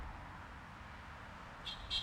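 Two short, high-pitched horn toots from a car driving past Gås Anders, honking for P4 radio, the second slightly longer, sound over a steady low rumble of traffic near the end.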